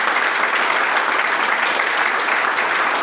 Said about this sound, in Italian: Quindi grazie, grazie a voi tutti, un applauso.